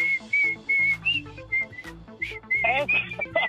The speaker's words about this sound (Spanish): ¿La del chiflidito? ¿Esa la oye sí, bien seguido?